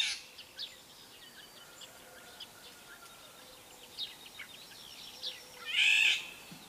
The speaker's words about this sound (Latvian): Un tad vēl vālodzē ir arī nesmukā balss, tāds aizsmacis brēciens. Un latviešu tautas ticējumu liecina, ka ja vālodzes vilpo, tad dzied skaisti, tad gaidāms jauks laiks, bet kad tā ķērts un ņaudi, tad gaidāms negaiss.